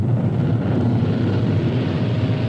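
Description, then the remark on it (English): A rocket's steady, powerful low roar rumbles without a break, heavy in the bass with a rough, noisy texture and no voices over it. “The roar of a rocket.”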